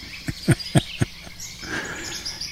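A field recording of woodpeckers tapping out four sharp, hollow knocks in quick succession outdoors, then falling quiet, leaving a soft wash of outdoor ambience with faint insect and bird sounds.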